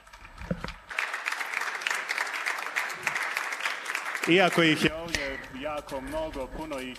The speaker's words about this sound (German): Und nun geben wir Ihnen einen Applaus.